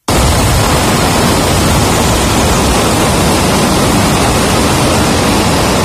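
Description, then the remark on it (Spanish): The Cola de Caballo waterfall on the Piedra River, plunging 56 metres in the Parque Jardín Histórico, roars steadily. It is a dense, unbroken rush of crashing water that stays loud and even from start to finish, with no voices. “Así suenan las aguas del río Piedra precipitándose en una caída de 56 metros de altura en pleno corazón del Parque Jardín Histórico.”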